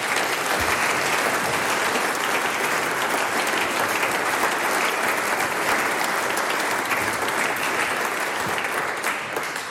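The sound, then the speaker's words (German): Sustained, dense applause from a sizable audience for the musicians of a band at a Styrian singers' and musicians' meeting, steady and loud for the whole stretch, with a broad wash of many hands clapping at once and no pauses. “Der nächste Applaus gehört dir und deinen KollegInnen von der ….”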